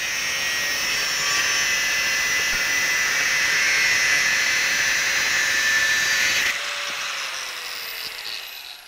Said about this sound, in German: Mit der Flex erledigt er die Vorarbeiten.